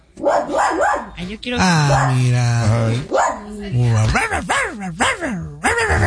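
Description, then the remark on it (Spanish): Puppies watching Buenos Días América on YouTube bark and yip in a quick run of high, tonal cries, some drawn out into whiny howls, with a person speaking briefly over them. “Los perrorritos viendo Buenos Días América en el YouTube.”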